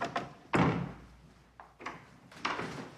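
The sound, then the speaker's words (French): A door at the offices of the Christus magazine, in a newly renovated building, swings shut with a solid thump, surrounded by a few lighter knocks and clatters of handling, fairly loud, with no voices. “On passe le pas de la porte de la revue Christus du magazine.”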